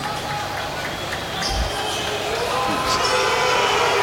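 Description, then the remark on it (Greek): A basketball arena crowd boos in a steady, loud roar that swells slightly toward the end, with a single ball bounce thudding underneath and faint voices mixed in. “Ακούμε και αποδοκιμασίες από τον κόσμο, ο οποίος είχε εκνευριστεί.”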